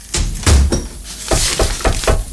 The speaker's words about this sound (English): Nearly knocked me over then. You shut the door right in me face.